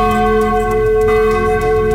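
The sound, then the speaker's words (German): Church bell number 4 rings loudly as its clapper swings back and forth with the bell, its sustained, overlapping tones humming steadily throughout with no pause, rich and resonant. No one speaks. “Der Klöppel in der Glocke bewegt sich da mit der Glocke hin und her und erzeugt somit diesen lauteren, kräftigeren Klang.”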